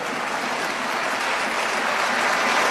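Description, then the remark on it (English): Sustained applause in a parliament chamber after a vote approving the EU return regulation, a dense, steady wash of many hands clapping at once with no single claps standing out and no voices on top, holding an even loudness throughout. “And then they start applauding.”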